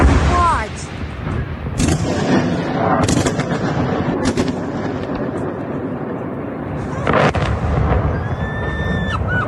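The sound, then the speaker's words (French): Ballistic missile strikes on Kyiv at night, filmed by a resident from her home: several sharp, heavy blasts burst out at irregular intervals over a constant low rumble, with a thin high whine rising near the end. “Vous entendiez ces explosions.”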